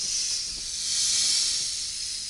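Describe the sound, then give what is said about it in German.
A swamp adder, a snake of India, hisses in one long, steady, breathy stream, fairly loud, swelling slightly in the middle before easing back, with no voices or other sounds around it. “Eine Sumpfkobra.”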